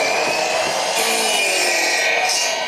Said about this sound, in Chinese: 选好之后锯成我们想要的长短，放到锅炉里面去蒸，蒸软之后就可以造型了。